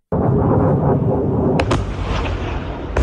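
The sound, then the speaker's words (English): An Iranian missile and drone attack on a US airbase in Jordan on a Friday night rages as a constant, heavy rumble, broken by sharp, loud blasts near the middle and again at the very end. No voices can be heard. “A US airbase under attack. On Friday night, Iran launched missiles and drones into Jordan.”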